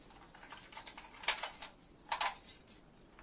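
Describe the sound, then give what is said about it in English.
A door lock being turned to lock the door: a few light metallic ticks followed by two sharper clacks, fairly quiet, with no voices. “Now lock it.”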